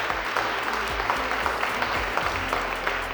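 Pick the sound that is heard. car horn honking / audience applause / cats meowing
audience applause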